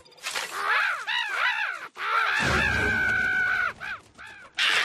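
Several crows caw loudly in a rapid, overlapping series of harsh, rasping calls as they are scared away by a scarecrow, with a brief pause midway and a low rumble underneath for a couple of seconds.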